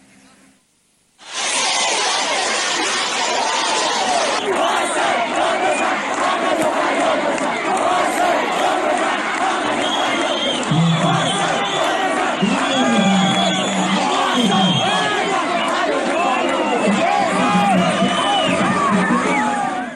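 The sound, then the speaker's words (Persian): A large crowd of protesting students in Khorramabad, Iran, gathered in front of the Lorestan education department over in-person exams, shouts and chants slogans together loudly and continuously after a brief quiet start, the massed yelling dense with rising, rhythmic vocal bursts. “اونها شعار می‌دادند محصل داد بزن، حق تو فریاد بزن.”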